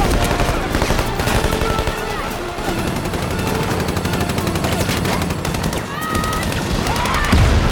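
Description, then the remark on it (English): Sustained gunfire erupts as people in a crowd duck, crackling in rapid bursts throughout, loud and dense like a battle, with shouting voices and chaotic noise mixed underneath. “People in the crowd duck, and gunfire erupts.”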